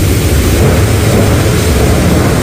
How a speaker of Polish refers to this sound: Ściana deszczu, silny wiatr i prawdziwa dyskoteka na niebie od błyskawic.